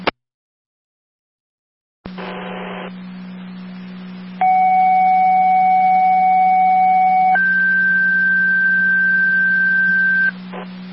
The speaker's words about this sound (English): Fire control to Tri-Community, second set of tones for 6849 Plaza Drive, apartment 203, for the 84-year-old female ill party.